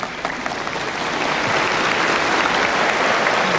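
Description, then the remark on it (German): Audience applause fills the whole stretch, a dense, steady wash of many hands clapping at a fairly loud, even level with no voices over it. “Die Applaus.”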